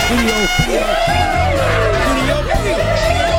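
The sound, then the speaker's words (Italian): A crowd cheering sound effect played on the Italian radio station Radio Studio Più: a dense crowd chatters and cheers, many overlapping voices forming a loud, steady hubbub with occasional whoops and shouts rising above it throughout. “Ammazza, quanta gente oggi! Guarda quanta gente!”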